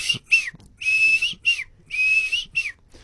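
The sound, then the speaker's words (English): A person whistles an imitation of a Klaas's cuckoo call: clear notes in a repeating pattern of short chirps alternating with longer sustained whistles, with no talking. “in the play, one of the actors, I think she knows this, but she has to practice, is going to have to imitate Klaus's cuckoo, which is the call that many listeners will be familiar with.”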